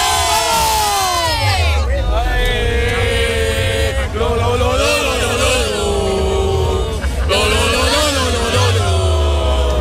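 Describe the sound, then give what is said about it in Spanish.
A crowd of Real Jaén football fans chants and cheers loudly and without pause, many voices rising and falling together in a sustained, rhythmic roar over a steady low rumble. “Pues ahí está la afición del Real Jaén”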